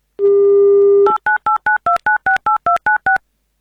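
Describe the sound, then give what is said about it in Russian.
A steady telephone dial tone for about a second, then ten quick, evenly spaced touch-tone beeps as a phone number is keyed in, each a short two-pitch chirp, as Avtoradio calls a listener from Krasnodar Krai for its live on-air game "Mnogo deneg". No voices. “Звоним.”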